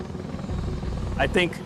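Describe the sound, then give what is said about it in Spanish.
A steady, heavy rotor rumble from a US military V-22 Osprey tiltrotor deployed in Okinawa, Japan, fills the background, loud and continuous, with a brief burst of voices cutting in near the end. “Los B-22 Ospreys desplegados en Okinawa despegan como un helicóptero y vuelan como un avión.”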